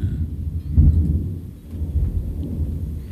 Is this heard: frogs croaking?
no